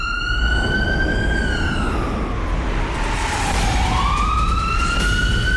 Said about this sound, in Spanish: Es que como no hay un sonido de sirena como tal, le puse sonido de ambulancia.